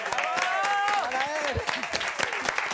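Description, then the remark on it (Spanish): A crowd breaks into steady, dense applause, a loud continuous patter of many hands, with a voice calling out over it at the start. “Un aplauso.”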